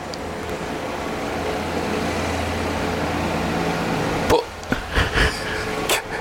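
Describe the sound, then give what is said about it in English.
A heavy engine rumbles steadily outside for several seconds, a deep droning hum that then cuts out, followed by a few short, sharp knocks and bumps close by. “Oh, someone's just gone past in a loud car.”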